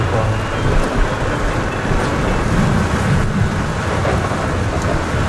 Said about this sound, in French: Là, on est vraiment au cœur de l'orage. Hein. Ouais. Là, il y a la pluie, le vent, les éclairs. Là, on voit plus rien. Hein. Non. En plus, t'as des coups de foudre qui tombent devant. Moi, je te dis, c'est un monstre, quoi.